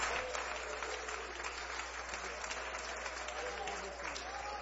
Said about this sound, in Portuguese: Então vamos receber o servo de Deus com as palmas para Jesus.